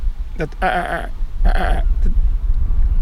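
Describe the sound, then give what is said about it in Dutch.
A lesser black-backed gull gives two harsh, nasal calling bursts, each rich in rough harmonics and about half a second long, over a steady low rumble of background noise. “Kijk, daar is die kleine mantel daarachter ja, weer.”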